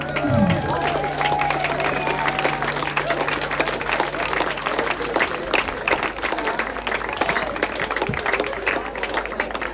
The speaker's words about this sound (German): Applaus für die freiwillige Person.